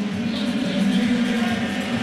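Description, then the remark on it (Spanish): A stadium crowd at the baseball All-Star Game boos batter Juan Soto of the New York Mets in one sustained, low, droning roar that holds steady and loud for the whole stretch, with no break or distinct voices standing out. “Y el turno ahora, van a escuchar el abucheo porque viene Juan Soto.”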